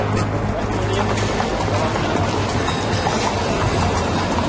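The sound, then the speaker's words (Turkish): A horse-drawn tram rolls along its rails from the main street of Beşiktaş toward the Galata Bridge, with a steady rumble and clatter that carries on without a break, while indistinct voices murmur beneath the noise. “Beşiktaş'ın ana caddesine ulaşınca güç bela atlı tramvaylardan birinde yer bulduk.”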